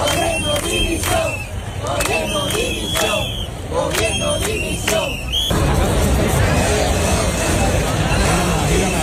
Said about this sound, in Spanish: Solo con lemas de apoyo, como pueden escuchar, también con gritos de dimisión, con insultos en algún caso y con aplausos, como los de Córdoba, donde se manifestaron 23.000 cordobeses.